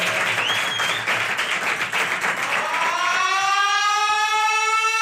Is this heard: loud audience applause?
yes